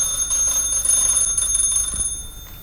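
A continuous electronic doorbell, rung in the evening by an older son arriving at his mother's home, rings steadily with a bright, high-pitched buzzing tone, fairly loud, fading slightly toward the end with no voices.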